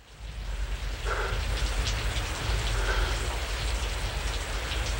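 Steady rain pours down at the opening of a film score track, a dense continuous hiss of drops on a surface with a deep low rumble underneath, fairly loud throughout with no voices.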